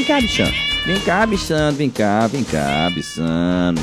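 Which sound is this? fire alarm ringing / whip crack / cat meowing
cat meowing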